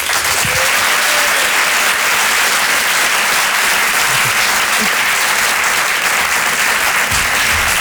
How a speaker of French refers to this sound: Je vous demande de l'applaudir très chaleureusement, s'il vous plaît.